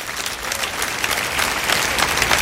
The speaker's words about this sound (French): Et que ceux qui sont aimés de Dieu disent amen dans ce lieu ce matin et applaudissent la grâce de Dieu.